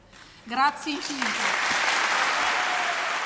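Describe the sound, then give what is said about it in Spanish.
A brief voice cries out, then an audience breaks into steady, sustained applause for the words of an emotional soprano, a dense wash of clapping that holds at an even loudness to the end. “Muy, muy aplaudidas esas palabras de la soprano emocionada”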